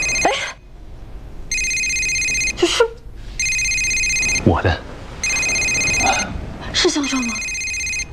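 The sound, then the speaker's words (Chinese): A mobile phone rings in repeated one-second bursts of bright, buzzy electronic tones, with short stretches of voices speaking between the rings. “这他来电话不就响了吗？”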